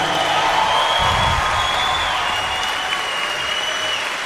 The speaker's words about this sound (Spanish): Yo creo que se merecen más aplauso. Ustedes no saben el trabajo que ha hecho esta gente.